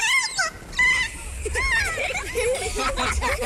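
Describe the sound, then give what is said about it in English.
Wild kea give their play call: a run of high, warbling, rising-and-falling squeals, several overlapping in quick succession over a low rumbling background. “Scientists think the play call had an emotional effect on the birds.”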